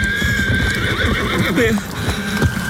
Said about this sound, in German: Näherten sich ihm von hinterrücks in großer Geschwindigkeit Pferd und Reiter. Beide waren unglaublich groß.